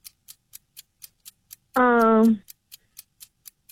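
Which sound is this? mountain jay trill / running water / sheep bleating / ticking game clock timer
ticking game clock timer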